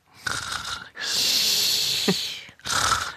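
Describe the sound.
A person imitates how their sister snored as a child, with three rasping, wheezy breaths: a short one, a long drawn-out one with a snort in the middle, then another short one, fairly loud.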